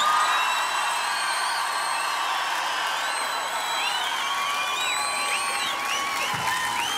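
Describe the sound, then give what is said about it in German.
A large live crowd at an event broadcast live on radio at the Wörthersee east bay in Klagenfurt roars with sustained cheering and applause, steady and loud for several seconds, with shrill whistles and whoops rising and falling over the dense clapping. “Weil Klagenfurt macht am Land Lärm!”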